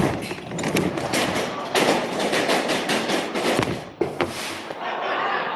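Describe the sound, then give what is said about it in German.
At the end of a Rube Goldberg-style chain-reaction contraption, a small explosion goes off with a sharp pop amid steady crackling and hissing as sparks spray; a few thuds and clicks punctuate the noise before it settles into a softer hiss. “Schließlich sprühen Funken und es kommt zu einer kleinen Explosion.”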